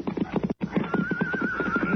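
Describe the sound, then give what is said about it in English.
At night, a horse near the edge of a ridge neighs with a long, wavering whinny over a steady run of clip-clopping hooves. The sound is clear, with a brief silent gap near the start. “Listen. Yeah, it's a horse.”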